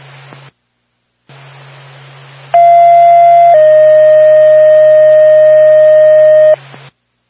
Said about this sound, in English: Jackson State Woodstock Fire Department, stand by for a tone.